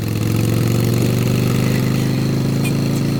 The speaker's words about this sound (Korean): 김춘추 출발 오토바이로 이동.